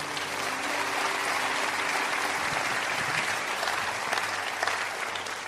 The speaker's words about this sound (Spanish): Denle un aplauso a Dios.